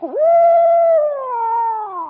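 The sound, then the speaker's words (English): A person mimics the call an owl makes when it wants to scare you: one loud, sustained spooky screech of about two seconds that holds steady, then sags and wavers lower toward the end. “Then sometimes when he wants to scare you, well, then he'll go like this.”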